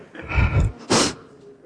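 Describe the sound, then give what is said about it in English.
A single loud sneeze: a brief rising breathy wind-up followed by one sharp, explosive burst, then quiet room tone. No talking. “Bless you”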